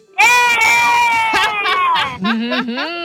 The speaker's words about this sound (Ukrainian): Так, дітки, ану, на рахунок три, якщо ви нас чуєте, я кажу, питаю, ви хочете в школу, а ви кричите або так, або ні. Раз, два, три, ви хочете в школу?